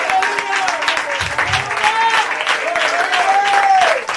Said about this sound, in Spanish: Entonces, mi amante, les aplauso al Señor, pues gloria al Señor.